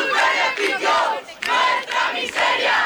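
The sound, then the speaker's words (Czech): A large crowd at a housing protest chants the slogan "Vaš profit, naša bijeda" ("Your profit, our misery") in unison, loud rhythmic bursts of many voices rising and falling in about four repeated phrases with brief dips between them. “Uz povike "Vaš profit, naša bijeda" poručuju.”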